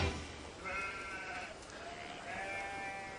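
A goat bleats twice, each cry a wavering, nasal call lasting about a second, separated by a short pause, with a steady low background hiss and no talking.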